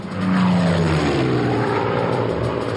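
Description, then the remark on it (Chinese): A Mosquito propeller bomber roars past at full power, its loud droning engine note sliding downward in pitch as it passes, with a steady rush of noise underneath and no voices. “文式轰炸机独一无二，即使是在低空全速飞行时，时速也能接近400英里，它的速度无可匹敌。”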